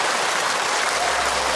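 An audience at a drama week stage claps steadily for a performer after a Henan opera (Yuju) style rendition, a dense wash of many hands at an even, loud level throughout, with no voices standing out over it.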